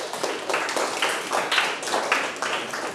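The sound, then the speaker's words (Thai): Students in a classroom clap together for group 3 in a steady, fairly loud burst of overlapping handclaps lasting a few seconds, with no talking over it. “ปรบมือให้ตนเองกลุ่มที่1ตอบว่าเป็นคำบุพบทซึ่งมีความหมายบอกตำแหน่งเหมือนกับกลุ่มที่3อธิบายปรบมือให้กลุ่ม3ด้วยครับ”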